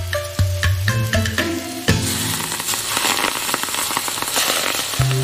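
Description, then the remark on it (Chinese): Loud, dense sizzling of fresh Sichuan pepper leaves, coated in a thin egg batter, deep-frying in hot oil as a snack dish. A steady crackling hiss punctuated by sharp pops, with no voices. “鲜花椒嫩叶裹上一层薄薄的蛋糊，入油锅中激出潜藏的麻香，最终炸成一道佐酒的小菜。”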